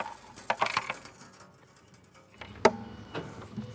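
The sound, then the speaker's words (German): Loose small change rattles and clinks inside a container as someone tries to get the coins out, a few bright metallic jangles near the start and a sharper clatter toward the end, with no talking. “Ich glaube, mein Lütte hat hier irgendwie Kleingeld reingeschmissen. Muss noch rauskriegen.”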